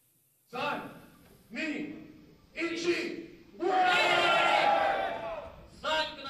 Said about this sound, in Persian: صدای برخورد فلز با فلز، تشویق تماشاگران و مبارزه ای که این بار نه میان انسان ها بلکه میان ربات های انسان نما جریان دارد.